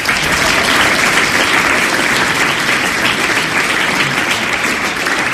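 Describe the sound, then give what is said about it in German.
A steady wash of audience applause for guest Julius Fischer, many hands clapping densely and evenly at a fairly loud level throughout, with no voices standing out above it. “Einen herzlichen Applaus für Julius Fischer.”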